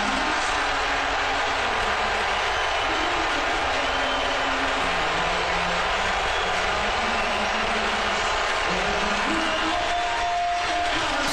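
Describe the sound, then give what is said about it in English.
A large stadium crowd roars over the national anthem with loud, sustained, mostly cheering noise that holds steady as a dense wall of sound for the whole stretch, with faint tonal hints of singing underneath near the end. “It was, I think, mostly cheers. It was loud and it was very enthusiastic.”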